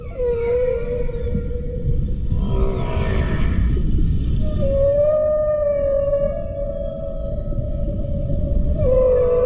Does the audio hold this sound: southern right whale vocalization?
yes